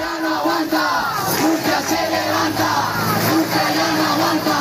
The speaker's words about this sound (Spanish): Agitando las llaves de sus hogares y al grito de Murcia ya no aguanta, Murcia se levanta, los vecinos convocados por el Sindicato de la Vivienda han arremetido contra lo que llaman violencia inmobiliaria.